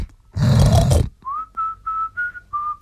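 A pig in a pigsty on a small home farm gives a loud, rough squealing grunt lasting under a second, then a series of five steady, mid-pitched whistle notes follows in an even rhythm with short pauses between them.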